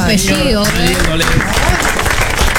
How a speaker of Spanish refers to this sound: chicos, el aplauso.